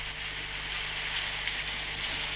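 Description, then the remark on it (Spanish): Steady, dense hiss of rain pouring down in Entre Ríos province, heard from a recorded video, a continuous crackling wash with no distinct drops standing out, much like food sizzling in a pan, with a faint low hum underneath. “¿Querés escuchar cómo llueve en Entre Ríos?”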